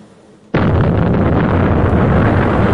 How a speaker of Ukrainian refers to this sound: Надвечір Жваве перехрестя, на яке падає і детонує російський шахет.